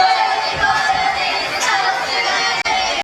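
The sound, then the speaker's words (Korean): A crowd at a high school baseball tournament game shouts and cheers, the Baejae High School side's hateful cheering aimed at Gwangju Jeil High School players, in a loud, continuous roar of many voices, holding steady for about three seconds with a brief break near the end. “지난달 29일 고교 야구 경기 도중 울려 퍼진 함성.”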